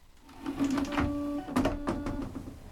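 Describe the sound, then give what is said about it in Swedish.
A Japanese-style bidet toilet on a building's ground floor runs with a steady mechanical whir and hum, joined by short bursts of hissing water spray used instead of toilet paper, and a few clicks. It is fairly loud throughout, with no talking. “Man kan så här spruta vatten istället för att torka sig med papper.”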